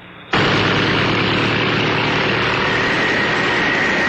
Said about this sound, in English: These giant fans whip up winds that could mean trouble for some little cars. But this little car is Ford's Pinto with a wider stance than any little import.